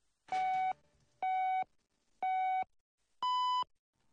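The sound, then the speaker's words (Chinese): Four evenly spaced electronic beeps about a second apart, loud and clean with no talking; the first three share one pitch and the final beep rings slightly higher, a radio time signal marking 14:00 Beijing time. “现在是北京时间14点整”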